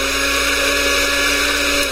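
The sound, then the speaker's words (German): An electric blender runs empty with a steady, loud motor whine and buzzing hum, holding one even pitch throughout without pauses or changes in speed. “Warum läuft denn jetzt der Mixer? Da ist nicht mal was drin.”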